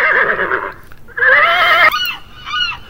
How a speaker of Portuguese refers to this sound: Aqui estão as gaivotas acompanhando o Pancadinha.